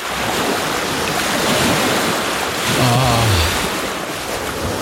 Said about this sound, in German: Ja, das Meer.